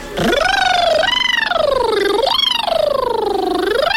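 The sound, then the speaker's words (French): A voice imitates a siren, a continuous wail that rises steeply, then swoops down and up again in several long glides, loud, for about four seconds. “Avec la sirène, du coup, on monte en”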